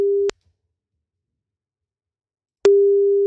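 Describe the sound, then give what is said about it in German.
A telephone ringback tone from an outgoing call: a steady mid-pitched beep cuts off, then after a couple seconds of silence sounds again, clear and alone with no voices. “Und dann heißt es nur noch ans Telefon gehen bei einer unterdrückten Nummer.”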